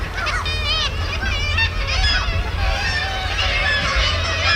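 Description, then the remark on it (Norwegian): A dense chorus of kittiwakes, a small endangered seabird, calling over each other, shrill rising-and-falling cries overlapping continuously like a busy colony, with a steady low rumble of wind or surf beneath. “Nå skal det handle om en liten utrydningstrua fugl som heter krytsja.”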